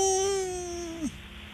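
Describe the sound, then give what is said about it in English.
A toddler's single drawn-out wail, held steady and fairly loud for about a second before its pitch drops and breaks off, leaving faint background noise. “Toddler. Wow, you got it right.”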